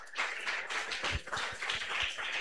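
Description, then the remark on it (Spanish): A crowd claps steadily and densely at the Pentecostal church La Cosecha to welcome a deacon at the pulpit, many hands overlapping into a continuous wash of sound, with a few sharper, louder claps standing out. No one speaks. “Y vamos a recibir al siervo de Dios con aplausos para el Señor Jesús.”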